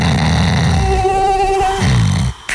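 A loud mosquito buzz drones steadily for about two seconds, its whine wavering slightly in pitch, then cuts off abruptly, followed by a brief sharp burst, in an advert for Zunti.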